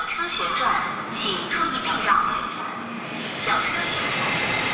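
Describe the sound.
Indistinct robotic voices of goods-transport robots in a Chinese factory chatter continuously over a steady, loud industrial hum, with faint mechanical clatter and whirring.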